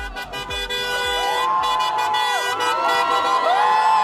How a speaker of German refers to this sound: Großer Jubel in Budapest nach dem Wahlsieg von Péter Modiar.